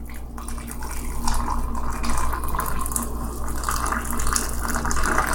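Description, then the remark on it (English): Freshly boiled water pours steadily from an electric kettle to make tea, a continuous splashing stream with a faint low hum underneath, lasting several seconds without any talking. “Ah, it's splashing hot water all over me.”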